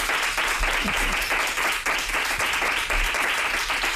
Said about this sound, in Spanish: Un aplauso para María Teresa Andreu.